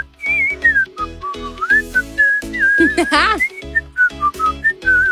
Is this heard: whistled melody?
yes